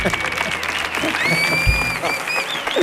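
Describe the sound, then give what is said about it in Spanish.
A studio audience bursts into loud, sustained applause welcoming the character M.A. Barracus, a dense and steady wash of clapping that lasts the whole stretch, with shrill whistles rising above it. “¡Fuerte el aplauso para M.A. Barracus!”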